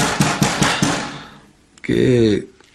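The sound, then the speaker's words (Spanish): Four quick, sharp knocks on a door in a steady rhythm, each with a short ringing tail, followed after a pause by a brief voiced sound. “Hay alguien golpeando en la puerta.”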